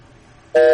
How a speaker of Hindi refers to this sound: Okay जी, call drop हो गई। मैंने कहा था हेडफोन्स निकाल दें, निकाल दें, मेरी बात तो सुनता ही नहीं है कोई।